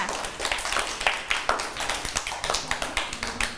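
Hands clap in a quick, steady rhythm, a run of sharp, bright slaps repeating several times a second for a few seconds, with no talking over them.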